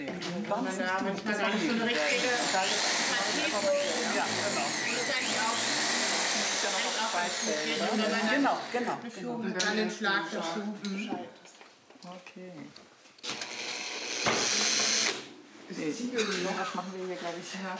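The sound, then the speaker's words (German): A power drill whirs steadily as it drills a hole, its motor whining up and down, with a harsh burst of grinding toward the end while people talk over it. “Wir wollten jetzt noch mal so ein Loch bohren.”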